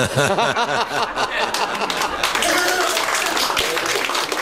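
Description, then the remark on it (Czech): An audience claps in a dense, steady patter of many hands that carries on throughout, with a burst of voiced laughter mixed in at the start. “Smutný, že tleskáme, co, ale...”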